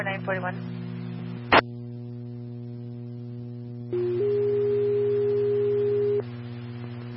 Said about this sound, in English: Bloomfield Engine 1, Medic 3, tones for abdominal pain at Betty Peace, 325 North 1st.